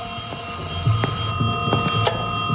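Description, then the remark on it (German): An old telephone rings steadily in the evening, a sustained metallic bell tone with a few sharper clicks and strikes, fairly loud, with no one speaking. “Gegen Abend klingelte erwartungsgemäß das Telefon.”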